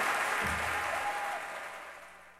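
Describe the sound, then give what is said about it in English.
A concert audience at the Jazz Ahead festival in Bremen in 2022 claps enthusiastically for a jazz trio, a dense, steady wash of applause with no distinct individual claps, slowly fading toward the end; a faint low tone lingers underneath. “And an appreciative crowd goes crazy”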